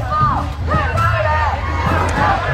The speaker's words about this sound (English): And this crowd of perhaps 1,000, but possibly many more, is now setting out on their two-mile march through downtown Seattle, traveling eastbound